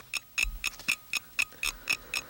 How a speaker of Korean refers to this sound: 째깍째깍 초침 가는 소리에 83년 겨울 학력고사장에서 가슴 졸이며 시험지를 봤던 그때의 기억이 어렴풋이 떠올랐다.